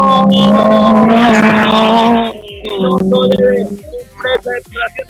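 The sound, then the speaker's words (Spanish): A rally car engine roars loudly, holding a strained, rising growl as it accelerates off its start, then breaks into choppy bursts of revving and sharp pops as it pulls away. “Siguiente máquina, ya escuchamos el rugir también de aquella máquina que va a hacer uso de su partida”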